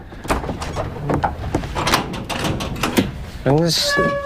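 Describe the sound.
A door is opened with a series of knocks, rattles and scraping clunks, followed by a voice and a faint high chirping near the end.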